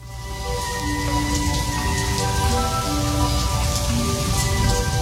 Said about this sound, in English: Do you believe this rain?